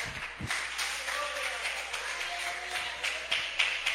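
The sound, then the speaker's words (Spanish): A church audience applauds for Jesus steadily for several seconds, a dense, sustained wash of many hands clapping with a few sharper claps standing out, and some murmuring voices underneath. “Déselo a Jesús ese aplauso, por favor.”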